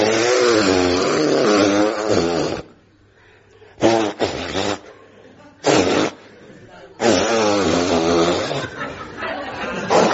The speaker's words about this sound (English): Well, and so finally we come to the moment you've all been waiting for. I'm going to blow my nose.